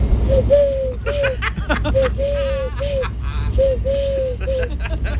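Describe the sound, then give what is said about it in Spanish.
A person imitates a turtle dove for a Canal Sur television crew, producing a steady run of soft purring coos in short rhythmic phrases, with background chatter and some laughter underneath. “Mira, hago la tórtola súper bien, mira.”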